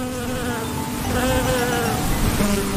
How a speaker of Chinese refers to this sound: 是蜜蜂，是蜜蜂飞舞的声音，嗡嗡嗡，嗡嗡嗡，小蜜蜂采蜜啦，嗡嗡嗡，嗡嗡嗡